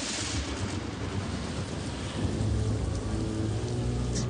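A thunderstorm at night around a shack by the sea: heavy rain hisses steadily while deep, rolling thunder rumbles underneath, with wild wind rattling the windows and spray from swollen waves adding to the dense, continuous roar. No voices are present.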